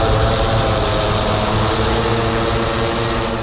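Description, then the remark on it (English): A steady, loud mechanical drone of spinning propellers from a hospital's medical delivery drones (Air Upstate drone program of a regional academic medical center), with a constant high whine and dense low rumble, unbroken for the whole stretch. No voices. “And that's President Mantosh Dhawan, who says the drone program is still relatively new. And here's what they sound like.”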